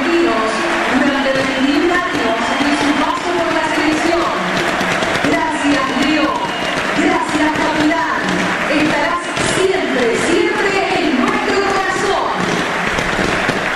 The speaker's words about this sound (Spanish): Los fuegos artificiales, el aplauso. De pie la gente lo aplaude a Messi.